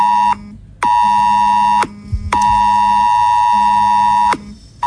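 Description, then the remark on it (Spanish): A mobile phone emergency alert tone: a loud, harsh electronic tone blares in two long bursts of about a second each, with a brief gap between. It is rich in buzzing harmonics over a low steady drone, and no one speaks. “Suena en el móvil y uno se para. Mira la pantalla, busca los suyos y pregunta qué pasa.”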